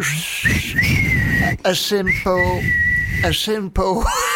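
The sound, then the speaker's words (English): A person whistles a wolf whistle, with sustained whistled tones and quick upward sweeping glides near the end, mixed in with talking. “A simple wolf whistle.”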